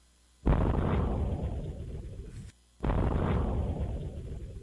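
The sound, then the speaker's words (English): Two loud, deep explosion booms from a fireball meteor detected around 2:06 in the afternoon and traveling at 75,000 miles an hour, each a sudden blast that rolls into a long rumbling decay, the second arriving about two seconds after the first. No voices. “NASA confirmed in a statement that the meteor, known as Fireball, was detected around 2:06 in the afternoon, was traveling at a speed of, check this out, 75,000 miles an hour.”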